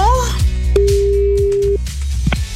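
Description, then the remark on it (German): A single steady ringback tone, about one second long, sounds as a radio host's outgoing call back to a listener rings, over a bed of background music with a thumping beat. No one speaks. “Die rufe ich zurück.”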